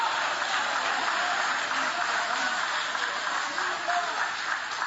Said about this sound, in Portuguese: Tem alguém aqui que Deus te tirou do cativeiro? Levante a mão então e aplaude, porque quem sai do cativeiro vive uma reconstrução, vive o novo.